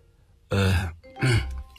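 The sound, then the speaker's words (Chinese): A man clears his throat twice in quick succession, two short, gruff bursts with a brief pause between them and no speech, to make his voice sound more serious before speaking on the phone. “咳嗽了一下，让声音听上去郑重一些。”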